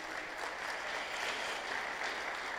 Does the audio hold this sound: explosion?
no